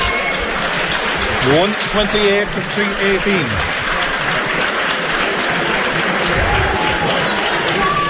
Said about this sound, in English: So the round of applause is marked for Mark Fanning.